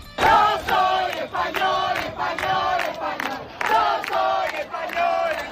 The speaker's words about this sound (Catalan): Això és el que cantaven després de cremar diverses barraques i de desplegar una bandera espanyola de grans dimensions, però no només van encorajar aquest jo sóc espanyol, també consignes com Ceuta no es ven, Ceuta es defensa.